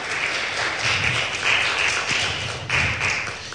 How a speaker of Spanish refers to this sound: Denle un fuerte aplauso una vez más al Rey de Reyes y Señor de Señores.